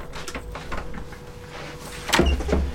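A door slides and clunks open as someone comes in, with a brief rattle and a louder thump near the end, amid low background rumble and no speech.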